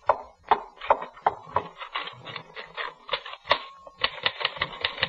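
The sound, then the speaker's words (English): A manual typewriter clatters away in quick, uneven bursts of sharp key strikes, with a brief pause and a faint bell-like ring before the rapid typing resumes, fairly loud. “Then I was back at my typewriter and everything was fine.”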